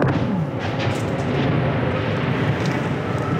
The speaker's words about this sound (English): And that was a Russian drone strike not too far away. I recorded that on my phone. These jet-powered drones move very fast. It's hard for Ukraine's air defenses to shoot them down.